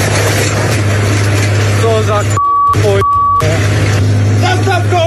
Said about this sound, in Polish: Skoro intruzi zajęli ojcowiznę, 60-letni rolnik postanowił wziąć sprawy w swoje ręce. Podjechał Ursusem z podpiętym pługiem i...